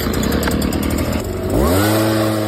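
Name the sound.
leaf blower engine running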